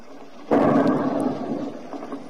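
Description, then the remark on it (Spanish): A single explosion from a Ukrainian drone strike in Moscow, Russia, in the area of an oil refinery, bursts in after a brief quiet and rolls out into a heavy, rumbling roar that slowly fades over the next couple of seconds. “Bueno, ahí en el fondo se escuchaba como ahí, ese es el momento en que caen los drones, arden en el fondo.”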